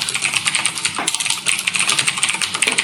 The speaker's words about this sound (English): What? Typing on a computer? That stresses me out. Yeah, it's typing on a mechanical keyboard.